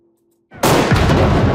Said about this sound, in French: Salve de canons, tambours, hymne national. La cérémonie a été hautement protocolaire, à l'image de la fonction.